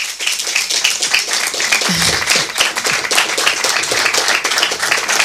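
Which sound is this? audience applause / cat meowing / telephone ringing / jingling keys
audience applause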